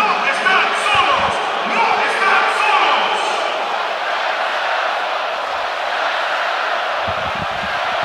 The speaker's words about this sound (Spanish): Y el estadio responde espectacularmente ante el aplauso del jefe, Gianni Infantino, posicionado junto a Mikel Arriola en el palco de autoridades, el máximo jerarca de la FIFA, junto al máximo jerarca de nuestro fútbol, Mikel Arriola